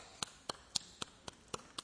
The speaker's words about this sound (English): And this is what clapping sounds like in India.